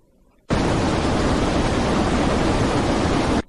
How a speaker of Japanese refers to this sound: はじめに、水瀬ダムの迫力ある豊富な水の音。